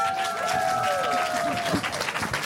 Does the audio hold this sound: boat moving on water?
no